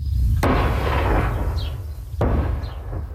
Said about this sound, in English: This as explosions continue to rock southern Lebanon despite reports of a new agreement